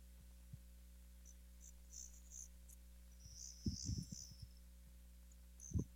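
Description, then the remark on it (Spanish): Faint crickets chirp in short, intermittent bursts over a steady low hum, with a few soft low thumps in between, at nightfall around 8:40 pm in Dallas. No one speaks. “Empezaron a sonar como unos bichitos, como unos grillos, sí.”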